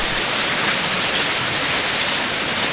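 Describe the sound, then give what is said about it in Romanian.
Steady rain pours down in a dense, unbroken hiss, fairly loud, with no distinct drops or pauses across the whole stretch. “Dar ploaia nu se lăsă.”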